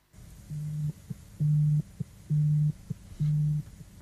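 A phone rings with an incoming call during a border patrol in the rain: four evenly spaced electronic tones, each a steady low buzz lasting under half a second, separated by brief pauses, over a faint background hiss.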